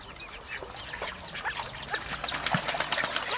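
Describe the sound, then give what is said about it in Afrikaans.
A busy chorus of ducks, a mother duck and her ducklings, quacking at a pond, many overlapping short calls chattering continuously at moderate volume, with a soft watery outdoor background and no voices. “En toe sy en haar kroos by die dam aankom, spring hulle almal in die dam en mamma maak hulle touwys.”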